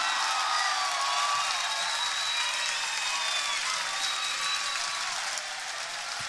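An audience claps for a guitarist in a dense, steady wash of applause that holds for about six seconds, with a few thin whistles rising above it and no one speaking.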